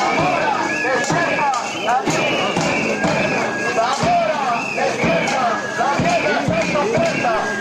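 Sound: protest crowd chanting slogans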